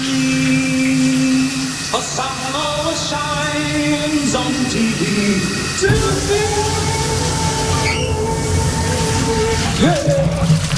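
Steady rushing water, like a running shower, fills the whole recording, with a voice singing sustained, shifting notes over the constant spray.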